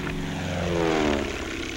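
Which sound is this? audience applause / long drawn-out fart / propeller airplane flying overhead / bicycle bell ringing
propeller airplane flying overhead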